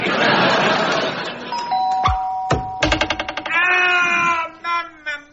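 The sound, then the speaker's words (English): A two-tone front doorbell chime, from a combination doorbell and crossbow invention, rings out over a noisy, clattering background, followed by sharp thuds, a rapid rattling burst and a strained, wailing cry. “That'll be the front door. Oh, maybe that combination doorbell and crossbow invention wasn't one of my best.”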